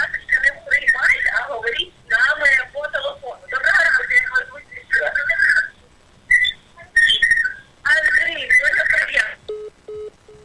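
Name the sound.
telephone line tone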